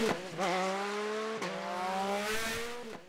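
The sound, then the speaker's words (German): Loud engine whine of motorcycles speeding along the Vechinger Berg mountain road near Blies-Ransbach, a route with more than 20 curves. They rev hard, with pitch climbing through repeated gear shifts and rising again, over roughly three seconds with no voices. “Dass die größere Umwege in Kauf nehmen, nur um den Motorradrasern hier aus dem Weg zu gehen.”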